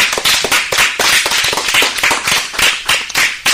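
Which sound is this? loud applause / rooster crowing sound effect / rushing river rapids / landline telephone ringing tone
loud applause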